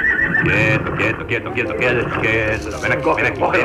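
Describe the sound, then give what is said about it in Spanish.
A horse neighs loudly and close by, a long, quavering whinny whose pitch wavers up and down across a few seconds. “Todo empezó con el caballo de papá.”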